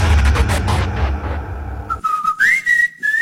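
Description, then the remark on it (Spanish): A dense, rumbling wash of noise cuts off. Then a short whistle sound effect on the radio station Super Estéreo 100.5 FM sounds alone, a clear tone that slides upward in pitch and holds before fading out. “Ese chiflidito quiere decir que ya encontraste a tu persona favorita y que quieres dedicarle esta canción.”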